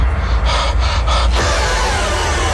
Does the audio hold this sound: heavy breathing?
yes